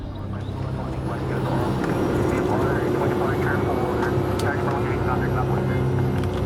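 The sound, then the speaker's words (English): A small Cessna propeller plane drones steadily and loudly, a constant low engine hum with a tonal buzz heard from inside the cabin, with indistinct voices faintly underneath, an hour after takeoff as it approaches Scarborough Shoal in the South China Sea. “An hour after takeoff, our small Cessna plane approaches Scarborough Shoal, a triangle-shaped chain of reefs and rocks around a sheltered lagoon.”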